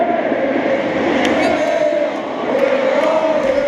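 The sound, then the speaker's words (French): A huge crowd of 42,000 supporters at the Stade Atlantique, cheering the Union in a Champions Cup match against Bath in the rain, cheers and chants without pause, a loud, dense roar with a sustained sung note running through it for the whole few seconds. “42 000 supporters dans les tribunes malgré la pluie, plus tous ceux rassemblés dans les bars ou à l'écoute d'Ici Gironde avec nous pour pousser derrière une équipe qui nous habitue au sommet français et européen depuis 3 ans.”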